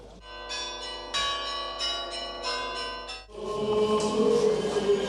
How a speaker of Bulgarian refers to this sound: години след онзи исторически 6 септември 1885 година Пловдив се събуди с звън на камбани.